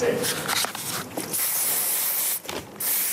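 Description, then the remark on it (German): A spray paint can hisses in a long, steady burst, briefly pauses, then sprays again, after a few shorter spurts at the start. “Lackstifte und Spraydosen wurden erst später erfunden.”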